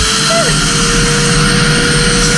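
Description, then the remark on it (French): Romano's vacuum cleaner runs loudly and steadily, a dense rushing roar with a high motor whine on top and a brief dip in pitch near the start. No voices. “Et tu as l'aspirateur de Romano. Là, c'est le vacuum cleaner sound.”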